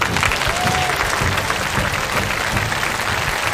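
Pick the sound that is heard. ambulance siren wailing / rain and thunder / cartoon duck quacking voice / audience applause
audience applause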